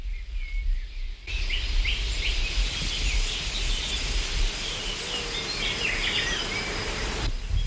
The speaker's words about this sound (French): Un bourdonnement après l'autre. Ce qui était silencieusement tapi dans un tissu de bruit devient une délicieuse ritournelle.